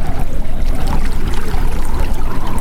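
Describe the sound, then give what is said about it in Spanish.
Steady rushing of flowing water, a continuous churning wash with a deep low rumble and no pauses, heard on its own without any voices. “El agua, el viento, una voz que te llama.”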